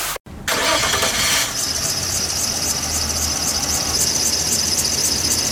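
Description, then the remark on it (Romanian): A car engine cranks over and over without catching, a steady starter whine with a rhythmic pulsing churn, loud, following a brief rough burst at the start. “Of, te-a lăsat mașina din nou.”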